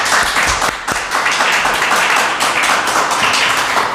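A crowd applauds steadily for several seconds, a loud, dense wash of many hands clapping with no voices standing out.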